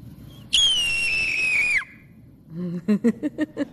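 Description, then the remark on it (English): A voice imitates a red-tailed hawk: one loud, high, raspy scream held just over a second, sliding slightly downward and dropping off at the end, followed by a quick series of short, lower bursts. “All right, then the red-tailed hawk.”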